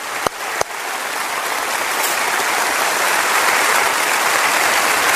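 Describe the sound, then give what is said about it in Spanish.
A crowd applauds steadily to welcome a guest, a dense wash of many hands clapping that holds at an even, fairly loud level throughout, with two sharper claps standing out near the start. “Este aplauso es para usted.”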